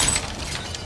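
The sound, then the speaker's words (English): A stylish glass coffee table hurled off a 20-story building smashes in a short, bright burst of glass shattering, with crashing shards and tinkling fragments spilling across the whole moment, loud, with no voices. “This is the sound of a brand new outdoor grill being hurled off a 20-story building. Now a stylish glass coffee table.”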